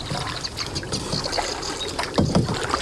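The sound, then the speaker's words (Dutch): A canoe paddle dips and pulls through water in a marsh, with a steady wash of lapping and trickling and a louder splashy stroke near the end. No one speaks. “En op de momenten dat we geen gepeddel van jou horen, ben jij aan het luisteren en een vogel aan het invoeren.”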